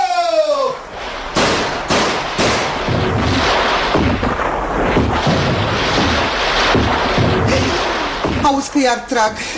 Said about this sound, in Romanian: Hei! Hei! Ce-ați înnebunit? Cine v-a dat voie să trageți pe strada asta? Pe strada noastră?